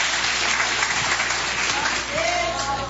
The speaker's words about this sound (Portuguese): Palmas bem alegres para Jesus.